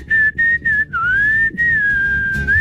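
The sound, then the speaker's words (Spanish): A person whistles a wobbly, slightly off-pitch tune in short bursts followed by a longer sliding note, fairly loud, with low background rumble. “se desafina hágale, silbando.”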